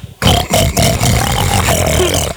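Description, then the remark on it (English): A man voices a loud, raspy pig snort on request, a couple of rough grunting oinks run together for about two seconds, heard alone. “what animal sound you want him to make. A pig.”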